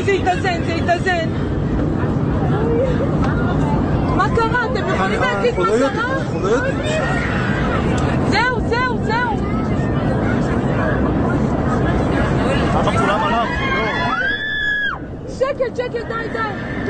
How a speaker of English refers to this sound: That very familiar sound of the airline hum and the noise outside, the wind flying over the wings, and you don't even know what's going on up there.